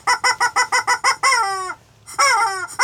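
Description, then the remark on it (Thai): A rooster lets out a quick run of about eight clucks, then a loud drawn-out crow that falls in pitch. After a short pause a second crow begins, clear with no talking. “นี่นี่เจ้าไก่ร้องโอ๊กโอ๊กเลย”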